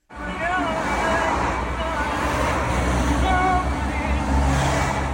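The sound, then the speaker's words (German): Cars rush past a small white van on a busy road in Salé, heading to Morocco's capital Rabat, in a steady, loud roar of traffic, with a murmur of voices mixed into the background. “Autos rauschen an ihrem kleinen weißen Kastenwagen in Salé vorbei, auf dem Weg in Marokkos Hauptstadt Rabat.”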